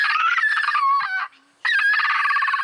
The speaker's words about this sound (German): Wollaffen können quietschen, bellen, murmeln. Manchmal klingen sie sogar, als würden sie mit den Zähnen klappern. Hör mal, das hier ist auch ein Wollaffe.